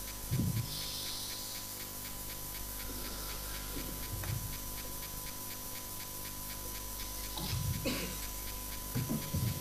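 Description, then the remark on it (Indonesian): Heavy, ragged breaths come in uneven bursts over a steady hissing background, each gasp rough, a few strong ones clustered near the end, with no talking. “Tarik nafas”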